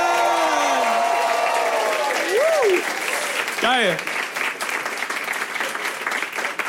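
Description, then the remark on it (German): Loud, sustained applause from a comedy show audience practising its most enthusiastic reaction, with whoops and cheers rising over it, a few shouted voices and whistles cutting through before the clapping settles into a steady, dense roar. “Den Applaus merken wir uns und dann halt den Applaus gerne einfach noch 3-4 Sekunden länger.”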